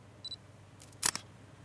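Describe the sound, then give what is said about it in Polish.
A short electronic beep followed by a crisp synthetic phone camera shutter click, fairly loud, with a brief softer echo just after, as a photo of a document is taken in a camera app. “więc po prostu spróbuję zrobić zdjęcie w obu programach z takim samym, no z tego samego ustawienia, że się tak wyrażę, ręki.”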